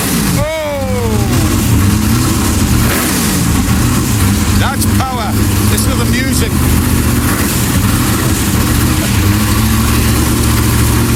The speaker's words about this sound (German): der Sound von einem 65er Lola T70, davon gibt es auf der Welt nur 15 Stück. Hört euch das mal an, den stellt er mal eben vor. There's no music like this music. I'm just gonna fire this little baby up for you.